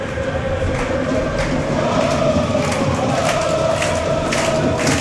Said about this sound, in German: Und eine Klatschaktion der Heimfans von Vaduz.